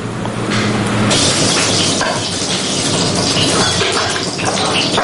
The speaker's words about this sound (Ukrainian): Запашний аромат і шкварчання котлет на пательні. Таким смачним обідом зустрічають у реабілітаційному центрі розвідників 7-го корпусу швидкого реагування ДШВ.